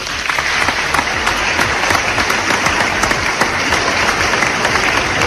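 Loud, sustained applause from a large crowd, dense rapid clapping filling the whole span at a steady level, with no one speaking over it.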